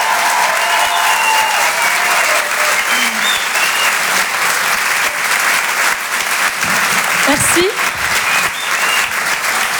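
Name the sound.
audience applause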